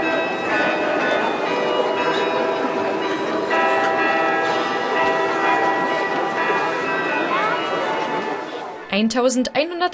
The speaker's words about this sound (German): Im Wiener Walzertakt zu den Klängen aus dem Roten Turm, die Stadtkarillonneur David Drambian dort auf dem größten Glockenspiel Europas spielte.